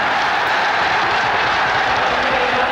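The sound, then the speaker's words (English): A dense, steady roar from a football crowd at Anfield Stadium, Liverpool, in 1964, with about 28,000 people on the Kop, loud and continuous throughout, with many voices and claps blurring into one wall of noise and no single voice standing out. “Although football crowds are sometimes dismissed as a mass of noise, there's something precious about paying them serious attention.”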